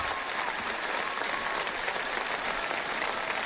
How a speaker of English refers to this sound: That elicits another round of applause.